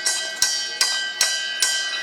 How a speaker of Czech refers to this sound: Na každý té varně byl z jednoho důležitého důvodu. Historicky oni, tenkrát i naši předkové, neměli žádné spojovací prostředky, takže jediný možný způsob, jak dát ve sklepě vědět, že várka je hotová, bylo zacinkat na zvon a dole ve sklepě už věděli.